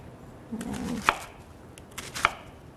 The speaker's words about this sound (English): Then I'm going to cut them in thirds.